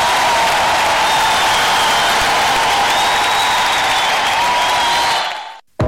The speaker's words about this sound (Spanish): Dale un fuerte aplauso también a esta magnífica orquesta.